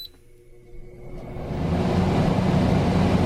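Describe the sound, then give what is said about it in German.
A short beep, then an air conditioner or fan is switched on during a hot day in Germany with temperatures up to 39 degrees; its whooshing hum rises over about a second and settles into a steady, fairly loud drone. No one speaks. “Die Klimaanlage an. Oder wenn es nicht die Klimaanlage ist, zumindest mal den Ventilator.”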